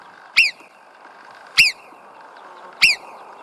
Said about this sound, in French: Eh ben, on va faire comme si on était à l'extérieur en train d'écouter les marmottes qui nous accueillent tout de suite.